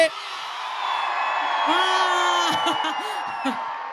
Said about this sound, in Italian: Visto che questo è un 105 Summer Festival che va in giro per tutta l'Italia e non solo, voglio sentire al mio tre l'urlo di tutta Chiavari. Uno, due, tre!